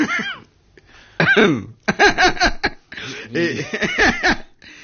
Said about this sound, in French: Puisque c'est surtout, si vous continuez à tousser, je me tais, parce que il y a quand même un manque de respect assez.